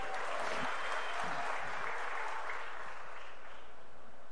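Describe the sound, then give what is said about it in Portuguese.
Sustained stadium crowd applause as the player Léo Pereira of Flamengo is announced, a dense wash of clapping and cheering that holds steady for several seconds, with no distinct voices standing out above it. “Olha o Léo Pereira sendo mais aplaudido até agora, hein?”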